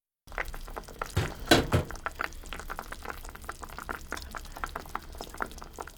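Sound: chicken broth simmering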